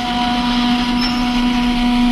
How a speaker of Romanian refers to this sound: Auziți? O sirenă!